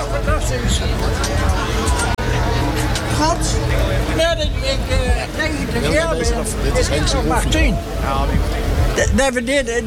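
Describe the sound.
A truck engine rumbles steadily and loudly throughout, a deep continuous drone with several voices chattering over it nearby.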